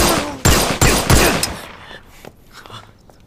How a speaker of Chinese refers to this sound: 你疯了！枪声会被别人发现的。